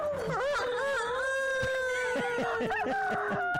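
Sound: rooster crowing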